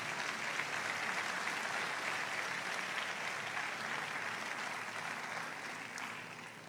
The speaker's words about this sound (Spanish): Denle el aplauso al Señor Todopoderoso.